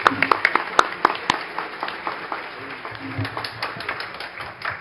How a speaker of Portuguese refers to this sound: Então, com a palavra, eu queria uma salva de palmas ao doutor Fernando Capês.